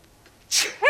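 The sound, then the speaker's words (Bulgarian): A single sharp sneeze bursts out, an airy hiss followed by a voiced, rising-falling tail, after a near-silent lead-in. “Мълчи, за кихане това е прах.”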